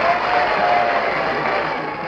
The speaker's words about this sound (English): The gray-haired old lady moved away. Behind her, she could hear the shouts and cheers that greeted Sarah Bernhardt.